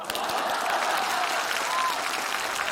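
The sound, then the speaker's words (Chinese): Steady applause from an audience, clapping for someone who refuses to sit down, a dense continuous patter of many hands clapping at fairly constant loudness throughout, with no voices standing out. “你还非得大伙给你鼓掌啊？”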